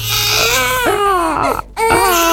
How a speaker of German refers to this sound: Oje, ein Baby weint im Supermarkt, im Café oder im Zug und sofort drehen sich viele, viele Köpfe um.